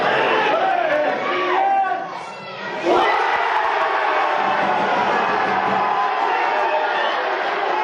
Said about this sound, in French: De nombreux fans s'étaient réunis ce dimanche matin dans des zones pour suivre la rencontre sur écran géant, comme c'était le cas au Ramada Sport Bar de Nouméa, où la foule était présente pour encourager les tricolores jusqu'au coup de sifflet final.